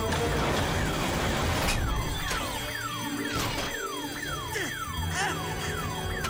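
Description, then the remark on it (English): A tripped security alarm that sets off a security lockdown wails steadily, its repeated descending electronic sweeps looping quickly at a loud, shrill pitch with sharp bursts punctuating the pattern; no one speaks. “the alarm was not turned on!”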